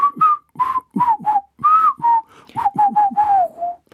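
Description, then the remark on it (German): A person whistles a summary of results as a quick, bouncy tune of about a dozen short notes at a steady mid pitch, some sliding up or down, with breathy gaps between phrases and no talking. “Also, die Antwort lautet, und ich glaube, jetzt machen wir es nicht gepfiffen, okay, oder?”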